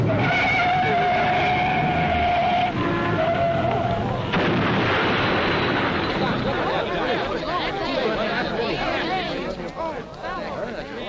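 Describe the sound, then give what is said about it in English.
High, wavering tire squeals for about four seconds as a car meets another vehicle coming from the other direction at a spot with little traffic where nobody slows down, then a sudden loud crash gives way to a long, dense burst of clattering, rumbling noise that slowly thins toward the end. “A good place for an accident.”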